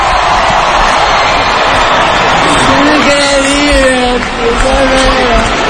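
A loud, dense wash of crowd applause and cheering runs steadily throughout, with sustained voiced whoops or shouts rising above the clapping in the second half.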